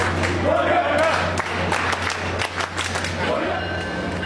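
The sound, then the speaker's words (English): A dense crowd of fans shouts, cheers and chants together as they board a train at South Station when the doors open, with scattered claps and sharp bursts over a steady low mechanical hum, loud throughout. “When the train doors open, the crowd cheers and chants as they hop on.”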